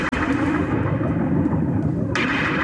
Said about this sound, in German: Und achten Sie jetzt mal drauf, wenn der Song losgeht, hören Sie ganz am Anfang so Regentropfen, die so aufploppen.